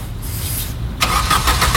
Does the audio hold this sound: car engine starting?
yes